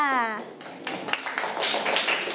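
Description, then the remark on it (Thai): A brief voice gives way to a class of children clapping together for a classmate, a steady burst of lively applause with many overlapping hand claps lasting about two seconds. “เด็กๆต้นทางรวมถึงเด็กๆปลายทางปรบมือให้เพื่อนด้วยค่ะ”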